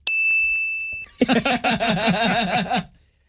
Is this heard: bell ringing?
yes